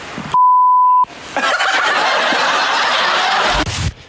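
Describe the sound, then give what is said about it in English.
A single steady electronic bleep tone lasts about three-quarters of a second, cutting off a voice on a Power FM radio quiz, followed by a burst of loud laughter and chuckling from a group. “And what the beep did they say?”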